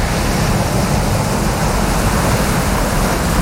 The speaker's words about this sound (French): quand vous entendez la plage, la mer, les vagues, on va où ? Madagascar.